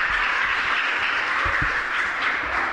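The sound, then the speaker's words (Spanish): Steady applause from a group to bid farewell to guests on a Cadena SER Ronda y Comarca radio special, a dense crackling wash of many hands clapping that holds at an even, fairly loud level for the whole stretch with no voices over it. “Y nada, un aplauso, ¿no?, para despedirnos.”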